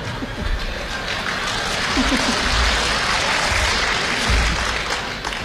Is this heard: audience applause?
yes